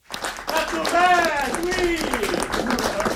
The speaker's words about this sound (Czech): Kompletně zaplněný sál pařížského studia Eberto. Lidé tleskali, někteří provolávali bravo.